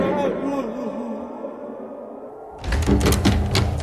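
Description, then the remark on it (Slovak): Heavy, loud banging on a large wooden town gate, a rapid run of booming thuds that starts abruptly after a low, wavering murmur that may be a voice. “Búcham, lebo chcem do mesta.”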